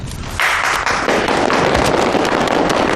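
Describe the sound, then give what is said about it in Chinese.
A burst of applause from a crowd, dense rapid clapping that swells in after a brief pause and holds steady and loud throughout, with no voices heard. “鼓掌就不必了吧，也没有几个在认真听。”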